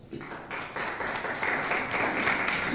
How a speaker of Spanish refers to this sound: ¿Cuántos dicen gloria a Dios? Un aplauso, por favor.